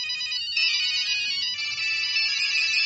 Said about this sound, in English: Yes, it's the voices in my head. No, it's mobile phones.